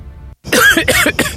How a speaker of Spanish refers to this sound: A esta tos no me deja dormir.